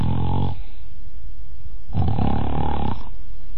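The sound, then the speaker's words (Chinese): A man's voice imitates Kou Zhun's loud, rasping snores as he lies in bed at the Yang residence at night: two long, throaty rumbling breaths separated by a brief pause, forceful, with no words spoken. “不大会儿的功夫，就听寇准打上呼噜了。”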